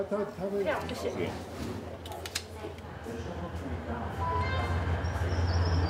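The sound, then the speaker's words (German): A train of the Alishan Railway, a mountain railway originally built for freight to haul cypress logs and now a tourist train, rumbles along with a steady low drone that grows a little louder toward the end. A thin high whine appears late, and voices murmur over the opening seconds. “Die Alishan Railway wurde ursprünglich nur für den Güterverkehr gebaut, eben für den Abtransport der teilweise 1000 Jahre alten Zypressen.”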